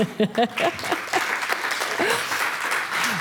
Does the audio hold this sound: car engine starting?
no